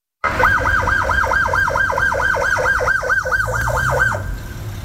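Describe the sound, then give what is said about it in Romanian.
An ambulance siren yelps in a rapid rising-and-falling cycle for about four seconds, loud, over a low rumble of traffic before it cuts off. “În fața anchetatorilor i s-a făcut rău, iar o ambulanță l-a dus la spitalul Floreasca.”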